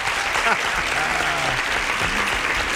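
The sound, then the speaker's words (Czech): Steady, fast hand clapping by a radio host congratulating a caller who guessed the answer correctly, filling the whole stretch at an even loudness, bright, with faint voices murmuring underneath. “No hurá, počkejte, já vám musím zatleskat.”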